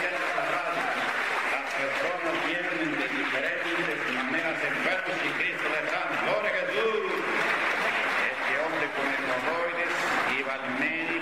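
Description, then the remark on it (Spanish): An audience in a Pentecostal church breaks into loud, sustained applause for the Lord Jesus Christ after a man tells of being healed. The applause keeps a dense, steady clatter throughout, with many voices shouting and cheering over the clapping. “Aplauso para el Señor Jesucristo.”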